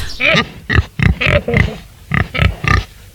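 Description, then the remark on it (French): A female wild boar kept at a European wildlife rescue and rehabilitation centre gives a series of short, throaty grunts while sniffing a visitor's hand, about eight quick bursts in a loose rhythm, each rough and fairly loud, with brief snuffling breaths between them. “Un sanglier qui vient nous renifler la main.”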